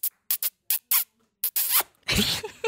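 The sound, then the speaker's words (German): A rapid series of wet, smacking kiss sounds pressed right into a microphone, several short sharp pops followed by longer slurping smacks, loud and crackly with no talking. “Ein feuchter Schmatzer und ein süßer Schmatzer.”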